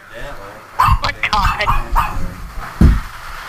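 A dog barks in a rapid flurry of sharp, loud yaps, pauses briefly, then lets out one more bark.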